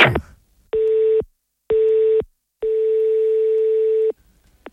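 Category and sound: signal or alarm, telephone line ringing unanswered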